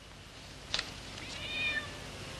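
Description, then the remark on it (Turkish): A couple of quick, high-pitched cat meows come through clearly, followed by a longer drawn-out mew, all fairly soft against a faint background hiss with no one talking. “Yalnızlığımı da bu kedilerle paylaşıyorum.”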